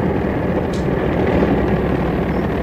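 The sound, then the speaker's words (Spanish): A small propeller plane, about to begin a flight, drones steadily and loudly, a continuous low engine rumble that holds level for a few seconds with no voices. “Calimán y el pequeño Solín observaban con detenimiento la avioneta en la que iniciarían su vuelo”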